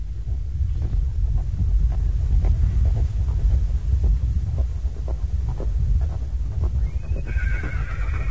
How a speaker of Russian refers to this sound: По таежной просеке споры бежит запряженная в сани лошадка. И то и дело фыркая, пускает из ноздрей клубы пара.